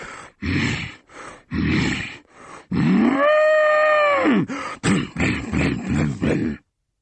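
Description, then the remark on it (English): A voice imitates an angry bull: a run of short, rough snorting grunts, then one long, loud, wavering bellow, followed by more quick huffing snorts. “When the hungry sheep is full, I charge about like an angry bull.”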